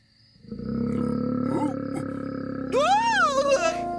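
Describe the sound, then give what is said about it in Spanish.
A voice imitates the roar of a very large, fearsome monster: a loud, sustained, growling bellow lasting several seconds, rising into a higher, wavering howl near the end. “Y entonces, en el bosque oscuro, vio a un monstruo muy grande y temible que lanzó un rugido.”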